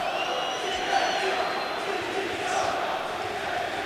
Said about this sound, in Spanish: Gritos de directiva dimisión, sí señor.